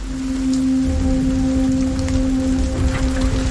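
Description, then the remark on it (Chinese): Light rain falls in a steady, even patter with soft scattered drops, while a low sustained hum runs beneath it. No one speaks. “这群欧洲马鹿是否知道，现在的小雨这是暴风雨的前奏？”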